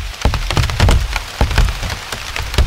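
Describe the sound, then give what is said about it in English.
Large raindrops patter on broad plant leaves, with irregular taps and a few heavier thuds over a steady wet background hiss. No voices are present. “I must have looked a little crazy with a microphone as if I was interviewing these various plants, listening to their various sounds as the rain fell on them.”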